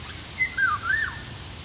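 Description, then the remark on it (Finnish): A Eurasian golden oriole (Oriolus oriolus) sings one short, fluty whistled phrase of gliding, rising and falling notes, clear against a quiet, steady background hiss with no voices. “Kuhankeittäjä viikon luontoäänenä”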